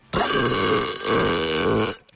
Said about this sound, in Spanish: Déjame el eructo.